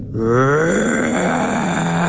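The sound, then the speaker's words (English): A person imitates an elephant's roar with one loud, sustained, rumbling groan that holds steady for about two seconds, with no other sounds. “And in that silence, out of the forest to my right, came this roar. I have never, ever, I didn't even know that elephants could make this sound.”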